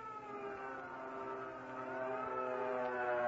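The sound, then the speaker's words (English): A steady, droning air raid siren wails continuously as a red alert that enemy planes have been spotted coming over, its tone slowly rising and swelling louder toward the end, with no voices over it. “That signal red, the alert. That means we spotted the enemy planes coming over.”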